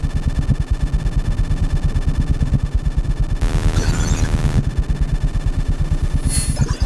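Amplified electrical noise from everyday household devices such as power supplies, clock radios, CD players, televisions, lamps, fans and an electric toothbrush, amplified in real time in concert: a loud, rapid low pulsing hum with steady tonal whine, a burst of hissing static midway, and a brief high-pitched squeal near the end. No voices.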